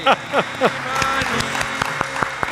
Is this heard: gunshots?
no